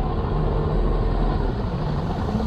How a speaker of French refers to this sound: Un moteur. Il bondit sur ses jambes. Un bateau approche de son île.